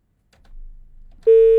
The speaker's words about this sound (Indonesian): Ah, terputus sepertinya ya.